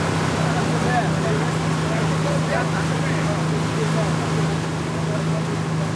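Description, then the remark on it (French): A boat's engine drones steadily as the boat rolls on a moving sea, carrying researchers and students to a sampling point, with a continuous wash of rushing water and wind noise that stays loud and unbroken throughout. “Mais avec la mer qui bouge et le bateau qui roule, les manipulations deviennent rapidement délicates.”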